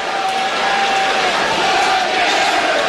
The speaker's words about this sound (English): As we hear the chants of Yellow Jackets